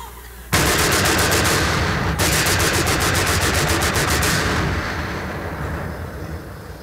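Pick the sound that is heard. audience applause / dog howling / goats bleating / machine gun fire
machine gun fire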